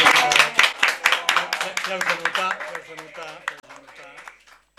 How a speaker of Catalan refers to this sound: Sí, que els demanaríem, no ho sé, per exemple... Un aplaudiment.